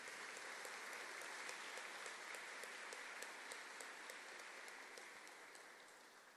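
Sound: audience applause in church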